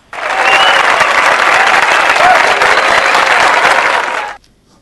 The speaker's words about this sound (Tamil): வாழ்த்துக்கள் நன்றி. வாழ்த்துக்கள் உங்களுக்கான கைத்தட்டல்.